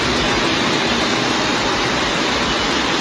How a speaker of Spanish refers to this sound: Mira. Así sonaba la riada de agua que corría desde la calle Jesús de Monasterio hacia la plaza del Ayuntamiento de la capital de Cantabria.